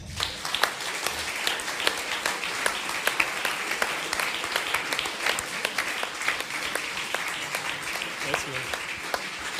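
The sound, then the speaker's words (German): Steady, warm welcoming applause from a live audience greeting a performer, many hands clapping continuously at moderate volume for several seconds, with a dense, even texture and occasional sharper claps standing out. “Begrüßen Sie mit mir mit einem warmen Applaus den Andy Wolf.”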